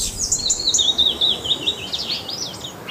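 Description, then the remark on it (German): A Eurasian blackbird sings in a continuous, warbling stream of high fluting phrases, clear, over a soft outdoor background hiss with no voices. “Ja, der schönste Vogelgesang, die Amsel für uns Menschen.”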